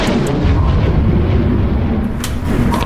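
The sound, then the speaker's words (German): A loud, deep thunder-like boom rolls on as a heavy, steady low rumble for the whole stretch, with a few brief sharp crackles breaking through near the end. No voices. “Ich hab Donner gehört.”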